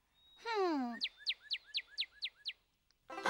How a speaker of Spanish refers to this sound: Y más lejos, detrás de nosotros, hay un pájaro rojo con una cabeza que parece que tuviera una máscara negra.